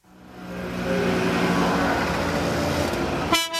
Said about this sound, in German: Der kleine Transporter knattert und stinkt.